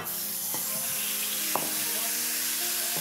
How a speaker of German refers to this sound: Ich gebe jetzt hier ein bisschen Öl in die Pfanne. Jetzt geht das Hackfleisch da rein. Achtung, schönes Geräusch.